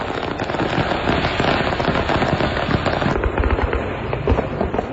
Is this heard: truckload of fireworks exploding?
yes